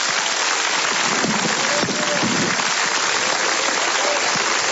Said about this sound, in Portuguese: Pode glorificar Deus com suas palmas.